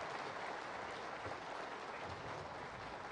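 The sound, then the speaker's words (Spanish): A crowd claps steadily, a dense, even patter of many hands that holds at a constant level for a few seconds without any voices rising above it. “Otro aplauso.”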